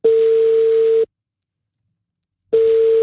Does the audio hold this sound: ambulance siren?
no